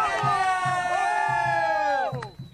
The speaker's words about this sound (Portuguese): Ó, vamos chamar de novo o grito dessa galera aí,